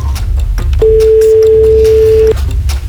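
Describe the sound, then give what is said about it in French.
A single ringback tone on a phone line, a steady mid-pitched beep lasting about a second and a half, heard over a low background hiss with no talking. “Moi, je m'inquiète toujours à 3 sonneries.”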